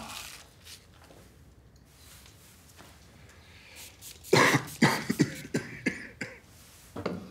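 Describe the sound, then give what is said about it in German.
A person coughs in a harsh fit of several rapid bursts after a few quiet seconds, with one last cough trailing at the end. “Haben Sie den Husten schon länger?”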